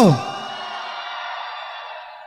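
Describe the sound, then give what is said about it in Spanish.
A crowd erupts in a loud, sustained shout of joy, many voices blending into a roaring cheer that holds steady for a couple of seconds after a quick rising yell. “Y si usted lo cree, dé un grito de júbilo.”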